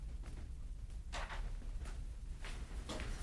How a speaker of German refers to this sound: Mach die Tür zu.